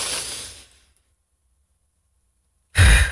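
A long, airy breath drawn in and tapering off, then about two seconds of silence while it is held, followed by a sudden, forceful breathy exhale with a low, gusty rumble.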